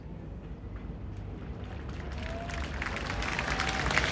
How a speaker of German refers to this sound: Applaus hier im Donaupark für die Linzer Klangwolke At The End.